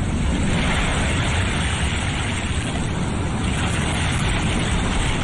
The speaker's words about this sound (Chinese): 妈妈说，把海螺放在耳边，就能听到大海的声音。你听，